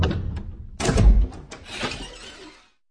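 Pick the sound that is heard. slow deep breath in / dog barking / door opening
door opening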